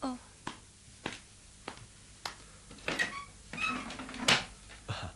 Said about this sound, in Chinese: 我谂梗系佢。等我开门睇下。